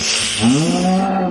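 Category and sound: animal, cow mooing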